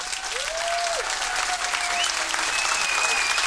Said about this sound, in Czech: Potlesk pro našeho výherce týdenního.